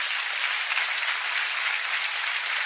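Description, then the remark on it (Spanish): Steady, dense applause from a crowd for Domingo Faustino Sarmiento, a continuous crackle of many hands clapping at an even loudness for a few seconds, with no voices standing out. “no tengo más que darle un aplauso a Domingo Faustino Sarmiento porque se lo merece.”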